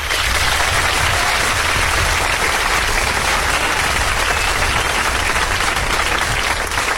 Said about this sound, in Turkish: Kendimi alkışlıyorum bir dakika.